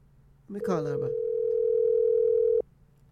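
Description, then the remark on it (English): A telephone ringback tone sounds once as a number is called back, a steady, even hum lasting about two seconds before cutting off sharply, clear, with a brief voice-like murmur at its very start. “Let me call back this number.”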